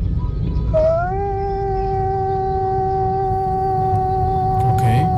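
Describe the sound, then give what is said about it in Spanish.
A voice imitates a long, very sad lament: one steady, high, tonal cry that slides up slightly at the start and then holds for about four seconds over a low rumbling background. “Y total, se escuchó un lamento, pero un lamento así muy triste, más o menos así.”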